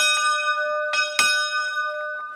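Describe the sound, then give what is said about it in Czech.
A church bell in Panská Lhota, rung by pulling a rope, rings out several times, each strike bright and metallic with a long, sustained hum carrying between them, the clapper striking both sides in a steady rhythm. “Tak vezměte za tu opráť. A to musí srdíčko bouchnout i na druhou stranu.”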